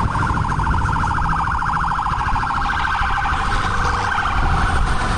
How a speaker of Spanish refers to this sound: Va la primera ambulancia, va la segunda.